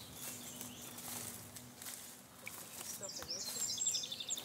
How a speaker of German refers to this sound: Hörst du die Vögel? Sie unterhalten sich von der einen zur anderen Seite des Tals miteinander. Das hier ist ein Hotspot für Vogelbeobachter. Wir haben hier gut 200 verschiedene Arten.